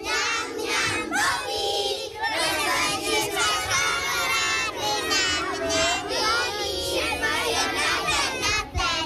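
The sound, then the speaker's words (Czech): A choir of first-grade schoolchildren sings a lively song together in two-part harmony, many young voices blending in a steady, loud melody that carries on without a break for the whole stretch. “Chtěli bychom písničku, zaspíváte nám?”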